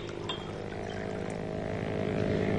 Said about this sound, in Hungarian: Mi az a felesége, Mrs. Wade, motorcsónakon érkezik? Nem hiszem. Valaki vizisízik a tavon.